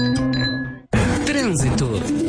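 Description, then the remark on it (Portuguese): Glasses clink together in a toast in an advertisement for 33 Contemporâneo at Espaço Gourmet Salvador Shopping, a bright ringing tone that hangs for a moment before cutting off abruptly into louder, busy music. “O agora merece um brinde.”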